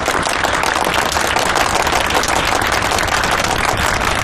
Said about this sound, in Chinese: 补充两句， 新郎的妈妈应该有些话要送给二位新人，那朋友们掌声有请。